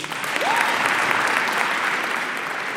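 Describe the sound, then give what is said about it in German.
An audience at a school panel discussion at the Hohentwiel Gewerbeschule in Singen claps for the Baden-Württemberg state election candidates. It is a dense wash of many hands at an even, fairly loud level throughout, with a brief faint whistle-like tone rising and falling early on. “Die Landtagskandidaten, einmal einen Applaus bitte.”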